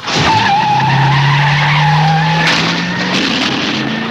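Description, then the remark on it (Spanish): A car peels away at night, about 200 kilometres from Chicago and heading there, with a loud, sustained tire screech over a roaring engine, the squeal holding steady for several seconds before the motor pulls off at speed. No one speaks. “Camino de Chicago, claro que sí, a toda pastilla.”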